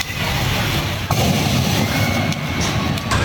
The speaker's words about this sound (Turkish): Erzurum'da seyir halindeyken alev alan otomobildeki yangın patlamalarla büyüdü.